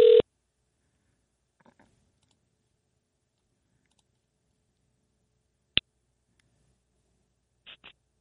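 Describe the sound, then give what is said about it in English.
A phone line rings out in short electronic bursts separated by long silences: a tone at the start, a sharp click midway, then a quick double pulse near the end. No voices. “You there? It's ringing.”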